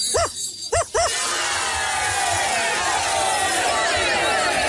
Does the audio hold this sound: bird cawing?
no